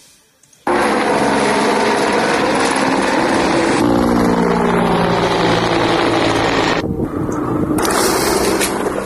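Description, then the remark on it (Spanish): After a brief quiet moment, the loud, steady roar of firefighting aircraft engines, aerial units deployed to fight the wildfire around Vacas, kicks in abruptly and drones on continuously with a throbbing, rotor-like hum and no voices. “Medios aéreos y terrestres desplazados para combatir el incendio desatado en torno a Vacas.”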